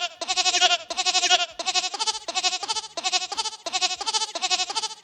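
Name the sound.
goat bleating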